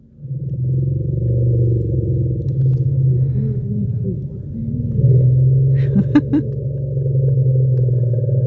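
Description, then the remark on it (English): A chorus of elephant contact rumbles, calls elephants make when trying to find separated family members: several deep, droning calls overlap and swell together without pause, with a few brief higher clicks near the end. “So you actually called one of the sound categories a contact chorus rumble.”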